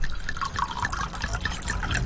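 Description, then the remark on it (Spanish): Ron Viejo de Caldas rum pours steadily into a glass, a continuous gurgling trickle with small bright splashes rising in pitch as it fills, no voices over it. “Un buen ron primero se destapa, luego se sirve”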